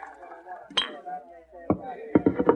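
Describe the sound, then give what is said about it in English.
Rye whiskey being poured into a glass at a dresser, marked by a sharp clink and then a quick run of bottle-on-glass taps, with the murmuring voices of a celebrating saloon crowd below. “Suddenly he got up, walked to the dresser, and poured another glass of rye.”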